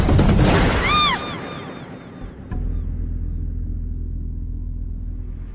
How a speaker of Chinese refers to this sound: 一声恐怖的枪声打破了夜的死寂，就像是在无边的夜幕中划出了一道正在滴血的伤口。